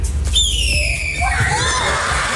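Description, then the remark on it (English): A student at a school in Oklahoma imitates a red-tailed hawk with a long, shrill, harmonic screech that slides downward, then a second wavering cry, over a steady murmur of a crowd of students. “The red-tailed hawk sound. And this is what it sounds like.”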